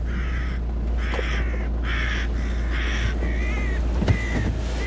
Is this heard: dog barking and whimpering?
no